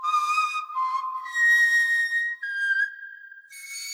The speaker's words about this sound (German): hat sich von diesem Steinzeitinstrument inspirieren lassen und spielt auf einem Nachbau der Gänsegeierknochenflöte. Vielleicht hat sie so ähnlich geklungen, die früheste Musik unserer Vorfahren.